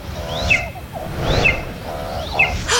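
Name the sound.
eagle call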